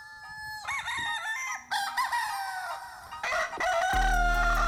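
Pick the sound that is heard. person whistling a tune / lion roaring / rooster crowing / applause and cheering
rooster crowing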